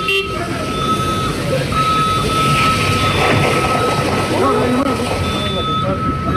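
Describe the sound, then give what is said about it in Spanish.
A busy outdoor emergency scene at an airport as airport security teams arrive to put out a burning tractor: a steady, sustained horn or siren tone sounds over dense rumbling vehicle noise, with indistinct voices mixed into the loud, continuous background. “Claro, llegan los equipos de seguridad del aeropuerto para apagar el incendio de este tractor que se está incendiando, emanando una cantidad de humo increíble.”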